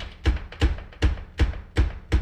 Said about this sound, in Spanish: Ah, están tocando. Déjeme abrir la puerta porque miren cómo toca esta persona. Sí se oye, ¿verdad? Cómo están tocando.